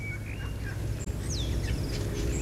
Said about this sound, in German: Die Goldamsel oder der Vogel Pilo.